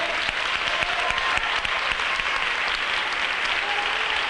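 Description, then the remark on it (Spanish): An audience breaks into loud, sustained applause of jubilation offered to God, dense rapid clapping from many hands holding steady throughout, with faint cheering voices mixed in. “Ese aplauso de júbilo.”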